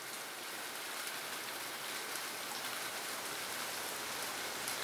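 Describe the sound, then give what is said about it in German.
Steady rain from a passing rain cloud falling outdoors, a dense, continuous hiss of drops spread evenly across the whole stretch with no pauses, moderately loud, with no voices. “Wir haben hier die nächste Regenwolke und ich gehe mal.”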